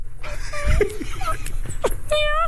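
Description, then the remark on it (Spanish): Several short, hoarse yelps from a female fox in heat come in quick succession, shrill and strained, over a low background rumble. “Pero el sonido. Dice, el zorro es gañido.”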